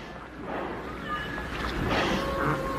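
A large boat moves steadily through water, with a continuous rushing wash, faint engine drone and some wind noise, even in loudness throughout.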